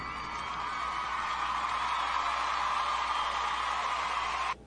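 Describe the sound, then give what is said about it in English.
A steady roar of crowd cheering and applause holds at an even, loud level for several seconds, then cuts off abruptly. “What a crowd.”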